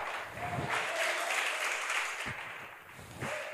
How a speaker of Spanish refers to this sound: No todos aplaudieron, pero por lo menos.